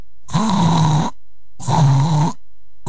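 A voice imitates an elephant snoring: two long, loud, rasping snorts with a low rumbling drone, separated by short pauses, and the start of a third at the very end.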